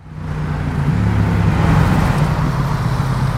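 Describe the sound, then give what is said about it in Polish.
Steady, loud roar of busy road traffic on Aleja Palki, a major north-south route in Łódź, Poland, busy even outside rush hour, with engine hum and a constant rushing wash of passing vehicles, no pauses or breaks throughout. “Ruchliwa nawet poza godzinami szczytu. Aleja Palki to jedna z ważniejszych dróg na trasie łączącej północ z południem Łodzi.”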